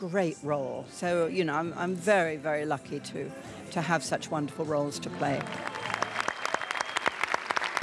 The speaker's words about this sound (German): Im Kinosaal dann ihre Fans, ihr Applaus, ihre große Würdigung. Helen Mirren bekommt den Preis für ihr Lebenswerk.